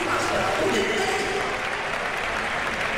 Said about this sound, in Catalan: Sí, però molt bé el públic, animant-li, aplaudint, perquè evidentment no ha notat, però clar, a nivell d'esforç, res a dir.